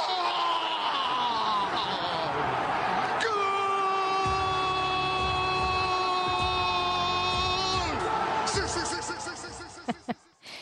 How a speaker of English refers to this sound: Yeah, so you can hear it. And that's actually called the goal roar. In the studies that have been done, it's when a goal is scored, it's called the goal roar,